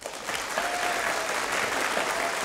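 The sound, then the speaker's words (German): An audience claps steadily for a couple of seconds for the band, dense and even applause that stays loud throughout with no voices standing out. “Klatschen Sie mal für die Kapelle.”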